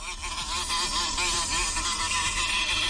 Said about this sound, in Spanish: Esto es una avispa, ¿eh? Esto es una avispa.